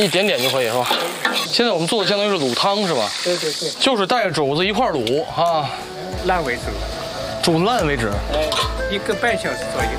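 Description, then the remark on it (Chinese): Spices for braising pork hock are stir-fried in oil using the hot pan, cold oil method, giving a steady hissing sizzle with scraping stirs, running underneath nearly continuous, animated talking from people. “一样， 翻炒几下，这味道还真出来了啊。”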